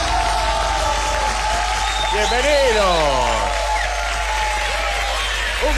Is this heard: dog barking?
no